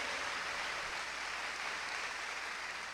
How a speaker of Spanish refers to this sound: Pero si ese aplauso fue para ti, qué pobre.